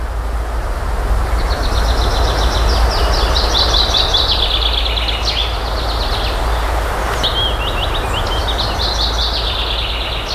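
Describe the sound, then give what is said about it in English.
Busy birdsong with rapid, repeated chirps and trills in bursts along the educational trail of the Bird Paradise Nature Reserve, an area of almost 200 hectares, set against a steady low rumble of wind or traffic; no voices present. “We have just entered and walked a little bit along the educational trail of the Bird Paradise Nature Reserve, almost 200 hectares, quite an area to walk around.”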